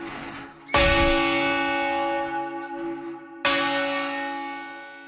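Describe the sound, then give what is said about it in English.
Heavy church bells in Canada, hung for change ringing, the heaviest such bells in the country, with a tenor bell of roughly 1.5 tons, ring out alone: two loud strikes a few seconds apart over a lingering, overlapping hum of ringing tones that slowly fade between blows. “So these are the heaviest bells in Canada hung for change ringing, and the second heaviest bells in North America hung for change ringing.”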